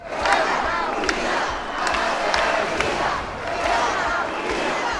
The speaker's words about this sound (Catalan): Els crits en favor d'Espanya, les banderes i càntics contra el president Pedro Sánchez protagonitzaren la cita.